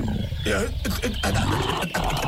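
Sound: bear roaring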